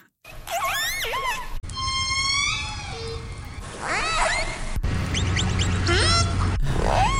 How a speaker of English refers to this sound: Orcas is correct. Those are some orca sounds.